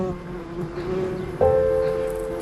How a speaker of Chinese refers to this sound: 哎，别动！ 它不蜇人的，哪里来的蜜蜂啊？